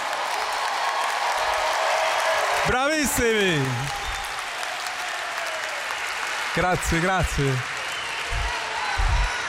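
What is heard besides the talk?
crowd applause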